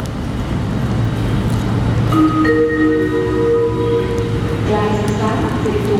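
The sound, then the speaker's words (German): Trains arriving at and departing from a station in Switzerland, all at about the same time on the hourly schedule: a steady low rumble fills the background, and partway through sustained whining tones like brake squeal or wheel screech rise over the noise, with a faint murmur of voices. “Gleichzeitig fahren dann auch in Zürich, in Bern und in Olten die Züge ein. Und alle fahren dann auch ungefähr gleichzeitig wieder los.”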